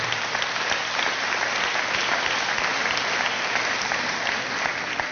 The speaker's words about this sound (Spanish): Fuerte ese aplauso a Jesús.